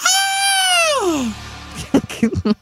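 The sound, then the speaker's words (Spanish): A single long, shrill scream of fear holds a high pitch, then slides downward and fades after about a second. A short burst of speech follows. “No quiero saber ese grito a qué se debe.”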